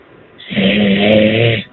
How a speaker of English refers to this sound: He's snoring!